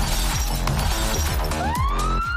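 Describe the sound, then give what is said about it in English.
Glass shatters amid a dense, clattering crash, then a police siren kicks in, its wail sweeping upward loud over the lingering noise. “Who called the cops?”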